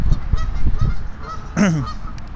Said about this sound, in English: Oh yeah, geese are talking to each other, being very honky.